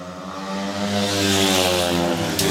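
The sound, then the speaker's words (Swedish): Loud, steady engine roar of speedway motorcycles racing on the third lap of the Smålandsderby in Gislaved, Sweden, Dacke rider Andreas Lyager of Denmark in front with two Lejonen riders behind, a dense harmonic whine that swells slightly and holds throughout, with no talking. “Jämn kamp i Smålandsderbyt in på tredje varvet.”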